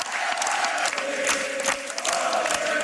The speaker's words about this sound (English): And at this, the crowd breaks into a different song.